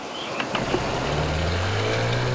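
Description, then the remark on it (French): A steady outboard motorboat engine drones throughout as the boat approaches, its pitch gradually climbing, with a few faint clicks early on and no voices. “Soudain, un bruit de moteur leur fait tourner la tête. C'est un hors-bord, venu à leur secours, qui approche.”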